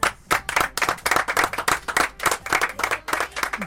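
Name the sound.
applause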